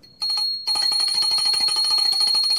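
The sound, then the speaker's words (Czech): A small, rare hand bell rings continuously and briskly to mark the start of a tale, its bright metallic tone shimmering with rapid repeated strikes, heard alone without any talking. “abych zazvonil na tento vzácný zvoneček z Cimrmanovy pozůstalosti”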